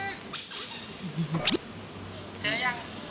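A squeaky plastic toy duckling, hidden for a child to find in a hide-and-seek game, is squeezed a few times, giving short, shrill, high-pitched squeals with upward-sliding whines, spaced irregularly over a low background murmur.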